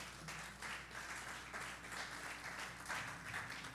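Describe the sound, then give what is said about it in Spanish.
A church audience applauds God during a Spanish-language sermon, in a steady, dense wash of clapping that holds at an even level for several seconds, with no voices standing out above it. “¿Cuánto le puedan dar un aplauso a Dios por eso?”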